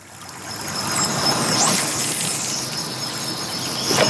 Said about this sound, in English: You're listening to the sounds of the West Fork of the White River in north central Indianapolis here on 90.1 WFYI.